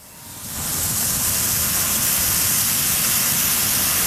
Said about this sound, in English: the tower of water reaches into the sky, then catches the first rays of the rising sun.